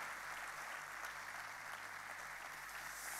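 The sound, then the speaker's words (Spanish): A crowd applauds loudly and steadily as an applause offered to heaven, dense overlapping claps merging into a continuous roar that holds an even level for the whole stretch, with no voices over it. “De fuerte ese aplauso al cielo.”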